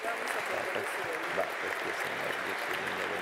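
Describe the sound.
Sustained applause from an audience, a dense, steady wash of many hands clapping at even loudness throughout, with faint voices murmuring underneath.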